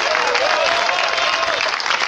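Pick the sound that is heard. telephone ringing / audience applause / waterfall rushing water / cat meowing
audience applause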